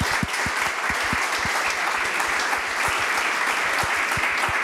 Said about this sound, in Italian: Io vorrei fare un grande applauso a loro.